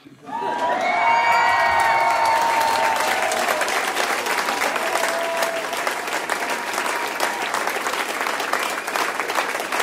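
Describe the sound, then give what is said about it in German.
An audience in the Alte Molkerei in Bocholt bursts into sustained applause, dense clapping filling the whole stretch, with high cheers and whoops rising over it at the start before settling into steady, loud clapping. “Also, Jubel.”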